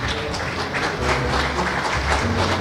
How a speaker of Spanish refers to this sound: Un aplauso nuevamente para cada uno de ustedes.